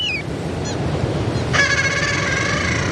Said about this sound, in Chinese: 海面上的雅海亚爸爸还在焦急地呼唤着雏鸟。雏鸟听见了叫声，也努力回应着。